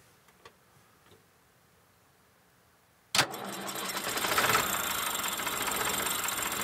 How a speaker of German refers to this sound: Wie ein Glöckerl. So läuft der Motor.